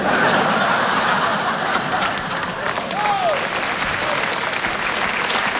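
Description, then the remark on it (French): Sustained audience applause fills the hall, a dense, steady wash of clapping from many hands that holds at an even, fairly loud level throughout, with a faint whistle or murmur rising briefly in the middle. “Oh, je sais bien pourquoi vous applaudissez, va.”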